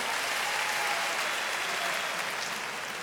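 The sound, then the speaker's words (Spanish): A crowd claps steadily, a dense wash of many hands applauding together at a fairly even loudness, fading slightly toward the end, with no voices standing out. “favor, del aplauso.”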